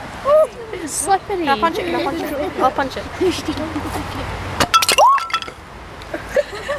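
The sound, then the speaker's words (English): A few sharp, glassy taps on a thick sheet of ice ring out, clustered near the end, while voices chatter and exclaim throughout. “It sounds like you're tapping glass.”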